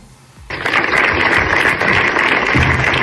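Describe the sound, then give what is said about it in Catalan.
Applause from dozens of residents of Torelló at an evening rally in the Plaça de la Vila, called by the town council against a stabbing, bursts in after a quiet half-second, a dense, steady clatter of clapping hands that stays loud and sustained to the end. “I aquests són els aplaudiments de desenes de veïns del municipi.”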